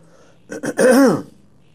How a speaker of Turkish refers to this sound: Biz öksüreceğiz. Sesimiz de kısık olacak.